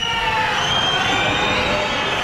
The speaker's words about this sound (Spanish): Y otro sonido de esta jornada, los gritos y abucheos contra la presidenta del Gobierno de Navarra esta mañana durante el acto de la Guardia Civil en Pamplona.